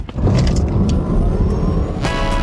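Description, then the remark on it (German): A Ford Puma car engine revs loudly and steadily, a deep rumbling roar that holds for the whole stretch, with a few brief brighter bursts over the low growl and no talking. “Vereinbaren Sie jetzt einen Termin für eine Probefahrt bei Ford und erleben Sie Abenteuer statt Alltag im Ford Puma.”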